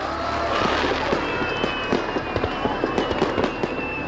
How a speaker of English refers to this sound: It's a carefully choreographed operation spanning an hour's time. More than 14,000 fireworks to launch, each with only one chance to get it right.